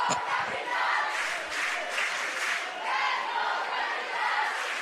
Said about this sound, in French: S'élance et fend l'air pour une prise. Et là, la foule se réveille. Oui.